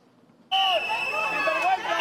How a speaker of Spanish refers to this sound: Pitidos y protestas a la llegada de Fernando Grande Marlaska, la delegación del Gobierno en Ceuta.